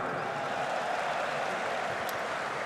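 An audience applauds a 19-year-old freestyle football world champion, an Ajax fan, in a dense, steady wash of clapping that holds at an even level throughout, with no voices standing out above it.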